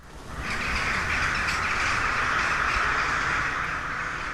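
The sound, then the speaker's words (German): A dense, continuous racket of crows cawing together in the castle garden of Husum Castle (Husumer Schloss) during a concert there, a steady overlapping chorus with occasional louder calls standing out, constant throughout with no voices. “Draußen schwirren im Schlossgarten die Krähen und stimmen auf ihre Weise in das Konzert im Husumer Schloss ein.”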